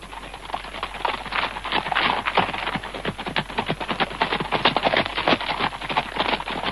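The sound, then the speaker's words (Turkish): Galloping horses fill the track with a dense, rapid clatter of hooves, many overlapping clip-clops drumming at a steady, driving rhythm with no voices. “Soluk soluğa koşan atlara andolsun.”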